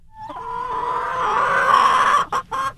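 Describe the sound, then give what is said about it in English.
A chicken in North Eaton, Lorain County, lets out a loud, drawn-out squawking call lasting about two seconds, breaking into a few short clucks at the end, with no voices. “There's plenty to cluck about in North Eaton in Lorain County.”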